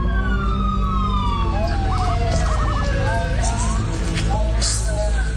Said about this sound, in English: But on Wednesday, September 3rd, at around 4 in the morning, they were awoken by the sound of sirens.